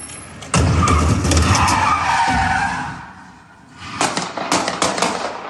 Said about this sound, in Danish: Den her video, som jeg har fundet hos TV2, viser sådan en hvid bil, der vender 180 grader meget hurtigt, kører ind i en stor skraldespand, imens den gør det, og så samtidig så følger en politibetjent til fods efter bilen og skyder adskillige gange